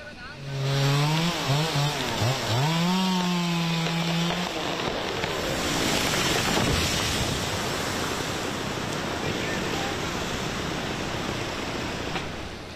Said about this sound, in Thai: ต้นไม้ขนาดใหญ่2ต้นนะครับมีความจำเป็นที่จะต้องตัดโค่นทิ้งครับเพราะว่าถูกน้ำกัดเซาะจนเอียงและเสี่ยงที่จะล้มขวางถนนทางหลวงหมายเลข323หรือว่าถนนแสงชูโตเส้นนี้แหละครับ